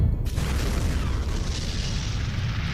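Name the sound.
atomic bomb explosion boom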